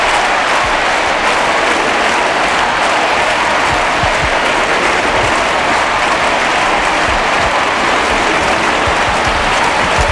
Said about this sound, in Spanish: Escucha el sonido en directo del Estadio Olímpico Lluís Companys en Montjuïc, Barcelona. Escucha, no hay palabras.